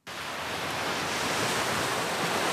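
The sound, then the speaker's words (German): Steady, full-bodied rush of surf washing onto a white sand beach in Vanuatu in the South Pacific, a continuous hissing roar of breaking water that fades in quickly and holds at an even level without any voices. “Weiße Sandstrände, glasklares, türkisfarbenes Wasser, palmengesäumte Küsten.”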